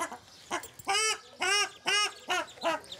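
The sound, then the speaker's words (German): A ruddy shelduck mother, swimming on water in front of her six goslings, gives a quick series of about seven nasal, honking calls in an uneven rhythm, clear, with no talking. “Mama Gans schwimmt schützend vor den Kleinen.”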